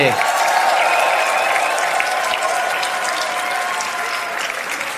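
Loud, sustained applause from a studio audience, a dense continuous wash of clapping that holds steady for the whole stretch and eases off only slightly toward the end.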